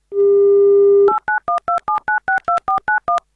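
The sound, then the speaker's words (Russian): A steady dial tone hums for about a second, then gives way to a quick, even run of eleven two-note touch-tone beeps as a radio show dials a listener's telephone number in the Chelyabinsk region. “Вот давайте позвоним.”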